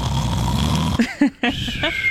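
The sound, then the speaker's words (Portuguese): A loud, rattling snore rumbles for about a second, followed by a few short, throaty snorts and catches, with no talking. “Vamos falar de outra coisa que faz barulho também? Ronco. Que parece uma moto de trilha.”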